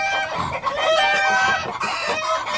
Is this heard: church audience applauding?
no